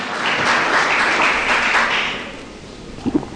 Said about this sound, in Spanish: Dele un fuerte, más fuerte aplauso al Señor.